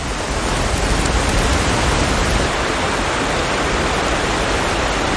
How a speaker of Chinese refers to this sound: 如今河流和瀑布解冻的时间越发难以预测，冰雪消融后水流奔腾而下的景象无比壮观，足以震撼人心。